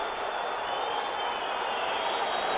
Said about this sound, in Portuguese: Muitas vaias, porque nesse momento quem deixa o campo de jogo